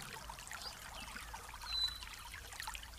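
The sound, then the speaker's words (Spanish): A steady, soft rush of falling water from a waterfall of crystal-clear, pure water far off, a continuous hiss with faint trickling detail that swells slightly midway, with no voices. “vamos a escuchar a lo lejos el ruido de una cascada de agua cristalina, pura.”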